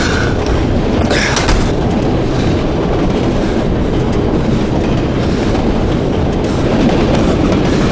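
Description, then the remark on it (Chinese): A train rumbles and clatters steadily along the rails, loud throughout, with a brief metallic squeal rising near the start against the constant roar. “一会儿火车减速的时候就跳下去，不管到哪一站都下。”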